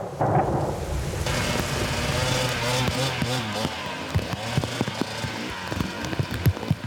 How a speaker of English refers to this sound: It's just dumping rain and it's ice now. It's gonna be tricky.